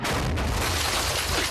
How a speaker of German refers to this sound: Das war aber ein echt guter Schuss. Das ist bestimmt kein RPG. Nicht mal annähernd.